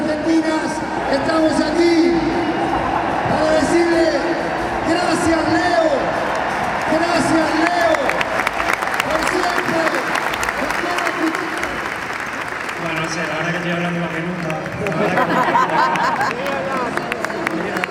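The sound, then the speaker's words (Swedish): A huge stadium crowd of 85,000 people roars and applauds continuously to bid farewell to Leo Messi at his last match with the Argentina national team, a dense wash of clapping and cheering with rising whoops and chanting voices swelling through the noise, loud throughout. “Och nu ska han tackas av här av de här 85 000 människorna som har samlats här på stadion.”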